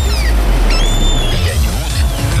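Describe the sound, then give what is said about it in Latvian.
Steady rumbling sea surf washes continuously while a few high, drawn-out seagull cries ring out over it, fairly loud, with no one talking. “Vai jūtat jūras smaržu un kaju kliedzienu?”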